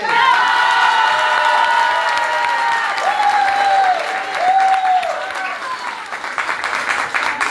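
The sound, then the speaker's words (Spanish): A crowd applauds steadily and loudly for Alianza B, with high-pitched cheers and shouts rising over the dense clapping for several seconds before it starts to thin out toward the end. “Muy bien, y ahora vamos a escuchar los aplausos para la Alianza B.”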